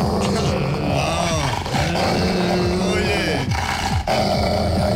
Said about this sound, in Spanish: ¿dónde están ladrando?